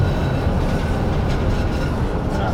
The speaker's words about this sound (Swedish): Han vill lyssna på hur det låter i vändslingan. Nu åker vi in i slingan här. Jag gillar när vagnarna gnisslar, så att jag vill lyssna lite på det också. Men den här gnisslar inte så mycket.